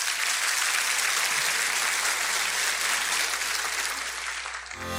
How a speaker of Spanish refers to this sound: Dele un buen aplauso.